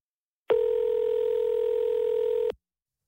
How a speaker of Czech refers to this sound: A vzal jsem telefon a vytočil číslo Afriky a žádal jsem k telefonu mlsnou žirafu.